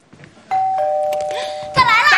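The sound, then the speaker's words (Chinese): A doorbell rings with two bright electronic chime tones, the first starting suddenly and both ringing on steadily, before voices break in over the fading tone. “我开门啊！”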